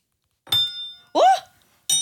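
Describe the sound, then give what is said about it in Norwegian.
A spoon hanging on a string, the string wound around the listener's index fingers pressed into the ears, is struck against a table three times, each hit giving a bright, bell-like metallic ring that fades out; a short voice-like sound overlaps the second strike. “Og så klinker du skjea.”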